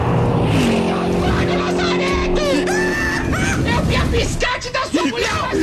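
A car rushes past with a steady engine hum and a broad hiss of spray as its tires throw water onto people at the roadside, followed by a noisy wash of splashing and shouting voices.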